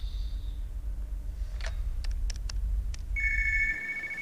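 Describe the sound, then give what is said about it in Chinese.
A phone call being placed: a brief electronic tone, a few sharp clicks as if dialing, then a steady warbling ring tone, all over a low background hum with no one speaking. “给他打电话。”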